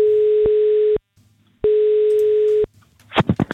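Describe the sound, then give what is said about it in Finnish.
Two steady, buzzing ringback tones of about a second each ring out on an outgoing phone call from Radio 957 to a Sirkus Finlandia contest participant, separated by a short pause, followed by a few sharp clicks as the line connects. “Ja ainakin tätä seuraavaa henkilöä, jolle nyt soitan.”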